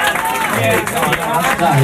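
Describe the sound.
A crowd claps steadily with dense, continuous, fairly loud applause for a couple of seconds, with a voice talking over the clapping. The audience is applauding in encouragement for a song.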